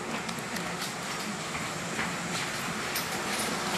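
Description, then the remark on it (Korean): A train at the end of a 2-hour-40-minute night run, at 11 p.m., as the last passengers get off: it sits or rolls slowly in a steady, continuous rumbling hiss, with faint clanks and clicks scattered through it and no voices, moderately loud and even throughout. “기관사는 마지막 승객이 내리는 것을 확인하고 나서야 열차에서 내리는데요.”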